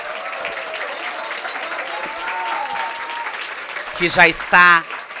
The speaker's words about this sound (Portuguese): E eu queria aproveitar, antes da gente incluir, já cumprimentar e pedir uma salva de palmas para a nossa ministra das Mulheres, que já está